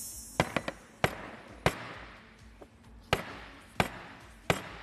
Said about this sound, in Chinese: 但是这已经桌子已经被我砸出坑来了，有点损坏我们东方购物公物了。砸出坑来了，自己现在看到吧？我不砸了啊，不能把我们的桌子给破坏掉了。他已经把桌子砸出坑。